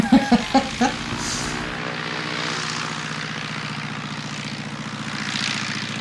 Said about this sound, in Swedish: Ja, vad är det här? Det är mitt flygplan. Ja. Hur kom det sig att du hade ett eget flygplan? Jag köpte det.